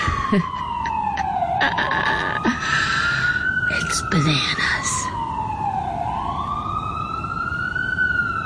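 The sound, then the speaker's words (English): Wailing ambulance sirens rise and fall continuously, a second siren overlapping, heard through an open window from the street on a sunny morning, over steady street noise; a person speaks briefly. “Every one of those sirens, I just think, is, you know, some poor person who can't breathe.”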